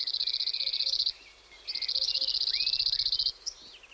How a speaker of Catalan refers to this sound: Gratapalles, Emberiza quirlus. Au que trobem als camps de conreu, pròxims a tot el curs del riu.